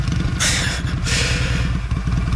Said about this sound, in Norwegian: Imens jeg prøver å få motorsykkelen til å rulle og gå